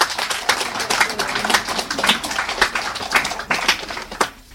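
An audience applauds: many hands clapping in a dense, steady patter that stays loud for several seconds, then thins and fades out at the end. No voices stand out.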